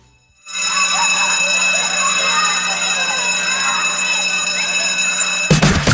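A school bell rings continuously for about five seconds, a loud, steady electric clanging with a bright metallic buzz, then stops abruptly.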